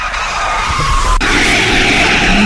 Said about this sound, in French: Oh, nouveau dérapage. Waouh. Oh, j'ai mis du temps à me garer là.